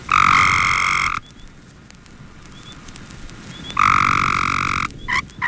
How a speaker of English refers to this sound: If another one does call close by, then he may give an encounter call. You'll hear a series of calls from a gray tree frog, followed by a chirping call of the same species made by another one who thought he was a little bit too close.